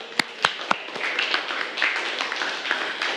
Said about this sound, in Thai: ซึ่งข้อนี้ถูกต้องปรบมือให้กับเพื่อนหน่อยค่ะ